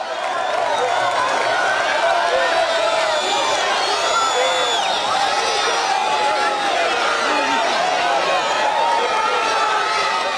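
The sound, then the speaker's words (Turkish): A dense crowd of Fenerbahçe fans roars and chants continuously at a team training session, many voices blending into a loud, sustained wash with rising and falling shouts throughout, as the players respond with applause. “Tezahüratlara alkışlarla karşılık veren oyuncular fotoğraf çektirdi ve formayla çeşitli ürünleri imzaladı.”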